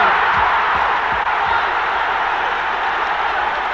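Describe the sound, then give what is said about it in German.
English fans roar after West Ham United's goal, Sile's hard shot high into the near corner past goalkeeper Radenkovic for 1:0, a dense, loud, sustained wall of cheering and whooping with scattered applause, steady throughout with no letup. “Riesengroß der Jubel der Engländer.”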